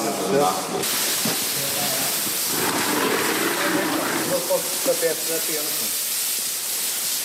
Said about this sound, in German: Auftritt ein Arbeitstrupp, bestehend aus 4 Männern mit Kübeln, Kanistern, Bürsten und Schläuchen. Sie schäumen den Zug jetzt ein, schrubben, spülen ihn wieder ab und das mehrfach.